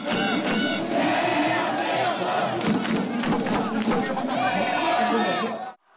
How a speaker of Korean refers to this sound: 다 함께 대한민국 목이 쉬어라 외친 시민들.